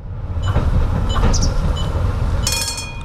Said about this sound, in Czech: Do vlakové zastávky Dětěnice přijela modrá souprava, i když je na regionální železniční trati na první pohled připomíná spíše tramvaj.